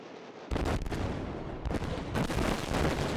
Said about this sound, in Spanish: Es la explosión controlada en el Danubio a su paso por Rumanía. El objetivo, desviar más agua hacia la central nuclear de Chernavoda y así tratar de mantener en marcha su último reactor.